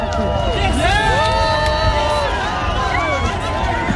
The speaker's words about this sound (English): Toronto's annual Pride Parade was underway today, drawing crowds of partygoers as the city simultaneously basks in World Cup excitement. Now here's some of the crowd cheering as Prime Minister Mark Carney shook hands with people watching the parade.